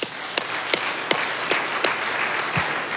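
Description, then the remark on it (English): Steady applause from a crowd as Bob Pittman, chairman and CEO of iHeartMedia, is introduced, a dense wash of many hands clapping at once, with a few sharper individual claps cutting through at a regular pace. No one speaks over it. “Yeah, clap for that.”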